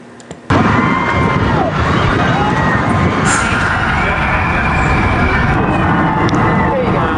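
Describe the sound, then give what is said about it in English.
After a brief quiet moment, a loud, sustained wall of screaming erupts from many riders of the new Fast and Furious roller coaster at Universal Studios in California, shrill overlapping voices riding over a rushing, rumbling roar. “Ever since it opened a couple weeks ago, neighbors have been hearing loud screams every 20 to 30 seconds from that ride.”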